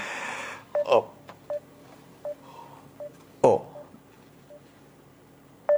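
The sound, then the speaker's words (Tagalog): Short electronic keypad beeps from a cellphone being dialed to call another person's cellphone, about eight tones at uneven intervals, clear, with a couple of sharper clicks mixed in against a quiet background. “Tawagan kong cellphone niya.”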